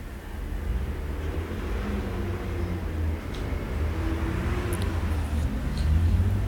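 Steady street traffic rumbles by on Boulevard Saint-Germain: a rental truck, a Bellefond publishing van, a van with scaffolding on its roof rack, a fast bicycle, an orange truck, three or four cars, a taxi and a driving-school car, with a deep drone swelling slightly toward the end. No voices.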